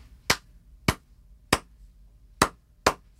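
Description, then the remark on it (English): Five sharp hand claps in a Cuban clave rhythm: three evenly spaced, a slight pause, then two closer together. The claps are crisp and clear, with no talking. “claves are basically like a rhythmic phrase, mm-hmm. that is centered around a lot of Latin American music”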